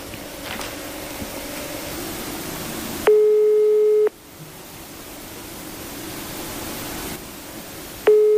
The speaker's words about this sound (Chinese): 按照这个包装袋上黑龙江龙兴肥业有限公司的服务电话，现在是没人接听的一个状态。